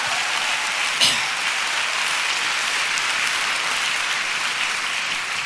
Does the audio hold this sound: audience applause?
yes